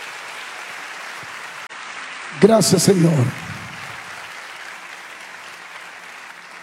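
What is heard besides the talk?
audience applause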